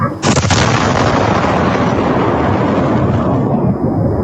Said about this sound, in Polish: Była potężna eksplozja, jest kilkunastometrowy lej. Efekt uderzenia słyszymy na nagraniu z kamery monitoringu na jednym z domów.